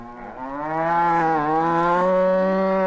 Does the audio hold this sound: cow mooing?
yes